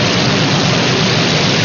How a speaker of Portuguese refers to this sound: Olha que chuva boa!